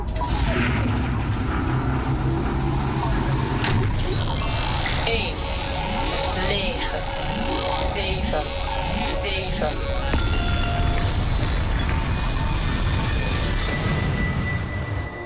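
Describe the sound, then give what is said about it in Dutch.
A loud sci-fi time machine starts its engines, rumbling heavily while whooshing, rising tones sweep over the top and booming bursts punctuate a continuous, dense roar. “Je gaat mee met onze tijdmachine. De motoren worden gestart.”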